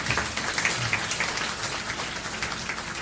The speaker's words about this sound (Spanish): Denle un aplauso al Rey de Reyes, no se mueve.